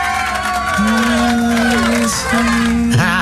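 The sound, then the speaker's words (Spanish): A steady wash of crowd noise and clapping, threaded with long, wavering, moan-like tones that make the applause sound more like a chorus of lamenting than cheering. “Oye, con ese sonido de fondo, en lugar de aplausos parecen lamentos.”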